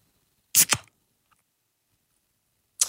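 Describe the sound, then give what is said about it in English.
A beer can is cracked open into a microphone: a sharp metallic snap followed by a quick, bright fizzy hiss in two rapid bursts, then silence before another brief hiss at the end. No voices. “As I crack a can into the microphone here, you tell me if it is beer or soft drink.”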